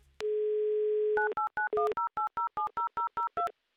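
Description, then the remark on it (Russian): A steady dial tone hums for about a second, then a quick run of roughly twelve short keypad beeps as a phone number in Kostroma is dialed live on air for the call-in game 'Avtomobil za ulybku', each tone a crisp two-pitch chirp, clear. “Номер телефона мы набрали быстро и оперативно.”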